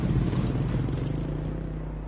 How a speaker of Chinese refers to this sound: 走出了诊所，警灯闪烁，摩托车轰鸣声一片。